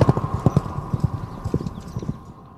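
Horse hooves clip-clop at a steady trotting rhythm, crisp, easing off slightly toward the end, with a faint constant tone humming underneath.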